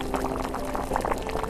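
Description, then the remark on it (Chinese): Boiling water pours steadily into a cup to brew golden locust-flower (jinhuai) tea, a continuous splashing, gurgling stream over a faint low hum, with no talking. “开水冲泡的茶汤洋溢金黄色的暖意”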